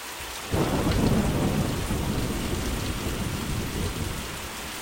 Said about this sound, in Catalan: La pluja alimenta els camps i tota la biosfera.